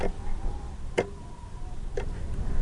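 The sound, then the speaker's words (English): A black and white kitchen wall clock ticks steadily, two crisp clicks spaced about a second apart, clear over a low, constant background hum. “The clock ticks on the kitchen wall.”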